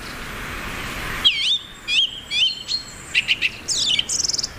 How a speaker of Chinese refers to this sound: 雌性欧戈冬负责寻找食物，雄性以响亮的叫声宣示领地，他的声音从很远的地方都能听到。